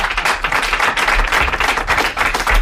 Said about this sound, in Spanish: Un aplauso para Javier Coronas.